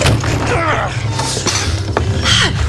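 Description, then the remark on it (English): A door creaks open in a few drawn-out, wavering groans, close and fairly loud, with a low rumble and small mechanical clicks underneath. No one speaks. “Open the door.”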